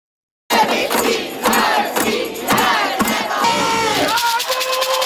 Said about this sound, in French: des milliers de personnes ont marché dans les rues de Trois-Rivières. On écoute un extrait de l'ambiance qui régnait.